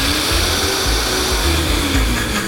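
A blender blends leftover mole with a little broth: a loud, steady motor whir churning liquid, with a dense hiss across the highs and a low rumbling throb underneath; no voices are heard.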